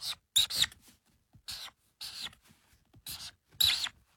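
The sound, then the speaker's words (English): A pen scratches across paper in quick, irregular strokes as someone draws three birds, with about eight short raspy bursts separated by brief pauses. No one speaks. “but I'm going to draw them how I drew them as a kid.”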